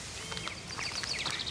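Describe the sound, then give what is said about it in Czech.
Summer birdsong: quick, high chirps and short whistled sweeps repeating over a soft, steady background hiss, with no voices. “Příroda zpívá.”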